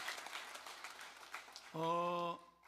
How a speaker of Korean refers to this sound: 찬양대 오케스트라 박수 한번 하겠습니다.